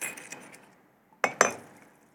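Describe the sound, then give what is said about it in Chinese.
Two sharp glassy clinks in quick succession, like a glass jar of sorghum liquor being knocked or set down, preceded by softer faint rattling taps, with no talking. “这是我家己要今年要浸来家己要啉的吼，一罐高粱的。”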